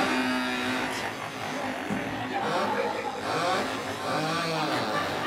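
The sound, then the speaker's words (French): A crowd of voices imitates mopeds revving, a dense, buzzing jumble of rising and falling engine-like whines and sputters, continuous and fairly loud. “Voilà, on entend déjà les mobilettes.”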